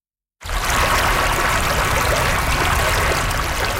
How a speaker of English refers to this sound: We are standing on a bridge crossing Mill Creek, just west of Spall in Parkinson Recreation Park.